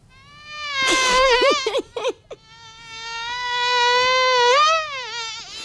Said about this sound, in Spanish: Luis Mario, ¿qué te parece esta mosca? Fabulosa, fabulosa. Yo creo que todos nos las hemos imaginado, ¿no? Perfectamente.